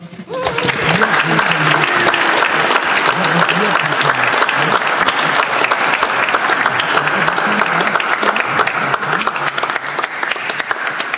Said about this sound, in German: Noch einmal einen Applaus.